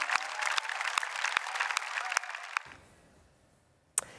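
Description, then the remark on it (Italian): Dense applause from a large theatre audience at the Teatro dell'Opera, for a performance by its orchestra conducted by Ido Arad, fills the first two and a half seconds, then cuts off abruptly, leaving near silence broken by a single sharp click. “Tanti applausi per tutti.”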